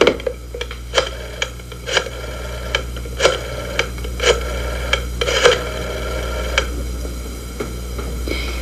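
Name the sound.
telephone being dialed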